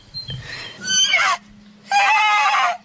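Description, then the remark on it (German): A horse whinnies twice in quick succession, loud, each call a shrill, quavering neigh that wavers downward in pitch, with a short pause between them. “Los, voll dringend gehört man wieder das Wiehern.”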